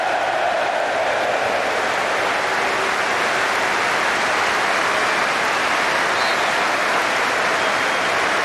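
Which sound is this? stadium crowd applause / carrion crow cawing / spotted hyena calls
stadium crowd applause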